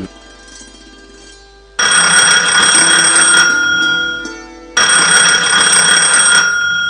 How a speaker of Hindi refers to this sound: अरे देखो तो कोई फोन बज रहा है।